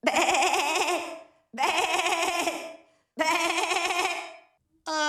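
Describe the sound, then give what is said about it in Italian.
A voice imitates a bleating sheep as a wake-up alarm sound in three long, loud, wavering bleats with a quivering vibrato, separated by short pauses, and a fourth begins at the very end. No talking. “Bello questo belato”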